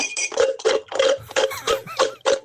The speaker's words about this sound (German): Ich würde tippen, offenbar war das Glas auch mal voll. Und so hört sich's an, wenn der Eiskaffee leer ist.